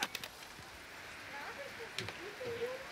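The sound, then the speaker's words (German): A steady, soft hiss of rain falling outdoors, with a few sharp patters and clicks near the start and middle, and faint voices in the background. “So, dann gehen wir jetzt mal alle hier rein. Bei dem schönen Regen.”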